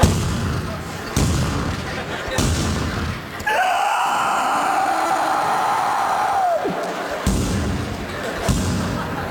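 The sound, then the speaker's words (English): A voice imitates a pet potbelly pig banging its snout against a bedroom door at 5:30 in the morning: loud, evenly spaced thuds about a second apart, interrupted by a long sustained vocal tone, then the banging resumes. “Every day would begin at 5:30 in the morning with that pig banging its snout on our bedroom door.”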